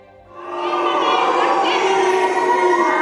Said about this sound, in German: So hört sich Deutschland diese Woche an. Buhrufe für Kanzler Merz auf dem Kongress des Deutschen Gewerkschaftsbundes, Buhrufe von Demonstranten vor dem Kanzleramt, weil dort das neue Heizungsgesetz beschlossen wird.